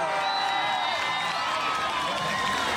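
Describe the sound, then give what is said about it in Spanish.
A crowd applauds and cheers to welcome Daniel Urresti, Podemos Perú candidate for mayor of Lima, in a steady, dense wash of clapping and shouting that holds at a fairly even loudness for about three seconds, with scattered voices mixed in. “Con nosotros vamos a recibir con fuertes aplausos al general del pueblo, al futuro alcalde de Lima, Daniel Urresti Herrera.”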